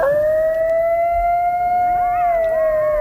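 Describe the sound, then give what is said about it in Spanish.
A coyote lets out one long, steady mid-pitched howl that holds for several seconds, while a second wavering, yipping howl rises and dips over it toward the end. No one speaks. “No, no es un lobo. Un coyote.”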